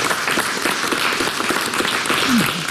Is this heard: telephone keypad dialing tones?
no